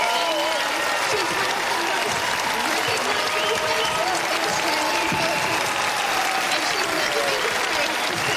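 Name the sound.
standing ovation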